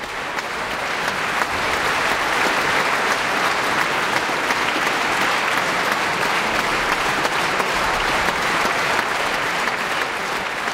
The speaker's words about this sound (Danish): Der bliver jublet her fra publikum i Filharmonien i Warszawa. Det kan jeg godt forstå.